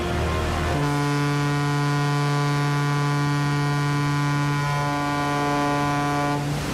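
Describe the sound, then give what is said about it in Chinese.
A ship's horn sounds as the Xiang Yang Hong 10 and the J-121 ship cross the equator on 1 December 1984: one long, steady, deep blast, loud and unbroken for about six seconds over a faint background hiss, then cuts off. “现在广播，1984年12月1日9:20，穿越赤道，向阳红十号与J-121船鸣笛1分钟。”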